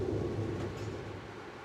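Low, steady rumble of train station ambience at Hannover Hauptbahnhof, Germany, a continuous wash of machinery and diffuse hall noise at moderate volume, with no distinct voices or events standing out.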